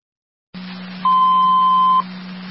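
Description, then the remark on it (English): Fire control radio dispatch alert tone for Niagara County EMS: after a burst of static and low hum, a single loud, steady mid-pitched tone holds for about a second, then cuts off, leaving the hiss running. “Disregard your tones.”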